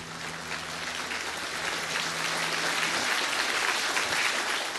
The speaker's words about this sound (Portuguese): Muito bem, então, uma salva de palmas aos nossos avós.